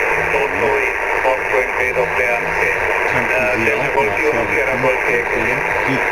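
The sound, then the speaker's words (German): Steady shortwave radio static crackles and hisses throughout on a ship, caused by the many switching power supplies running its equipment, with a faint, warbling voice buried in the interference as the signal drifts in and out. “Wir haben ziemlich viele Störungen hier auf dem Schiff durch diese vielen Schaltnetzteile, die im Betrieb sind für die ganzen Geräte. Ja. Und die verursachen dieses Prasseln hier.”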